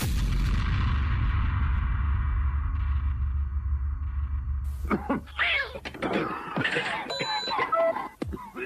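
A deep, rumbling drum roll builds steadily for several seconds, then cuts off abruptly into a busy jumble of clattering noises and short high-pitched tones.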